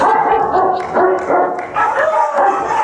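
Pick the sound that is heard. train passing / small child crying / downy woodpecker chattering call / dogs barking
dogs barking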